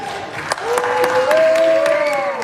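Republican senators cheer and applaud in the Senate very early in the morning as it votes 52-47 to approve a $70 billion immigration enforcement funding package: a steady wash of clapping punctuated by sharp individual claps, with a sustained rising voice whooping above the crowd noise.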